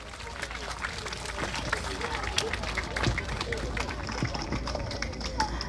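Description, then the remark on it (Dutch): A group of cyclists applauds themselves, clapping steadily for several seconds, a dense patter of many hands at fairly even loudness, with faint crowd murmur mixed underneath. “We hebben jullie ook nog heel veel horen zingen, dus even een applaus voor jezelf.”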